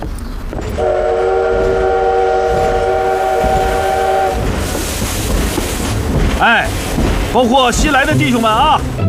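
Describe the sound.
A train rumbles steadily at a station while workers haul cargo onto it, a long horn blast sounding for several seconds near the start, followed by people's voices calling out over the continuing rail noise.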